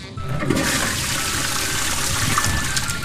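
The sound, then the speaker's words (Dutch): A water cannon spraying: a loud, steady rush of gushing water that holds constant throughout, with a broad hissing roar and no voices. “Nee, het is echt een waterkanon.”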